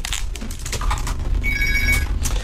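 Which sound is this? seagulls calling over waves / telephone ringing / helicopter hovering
telephone ringing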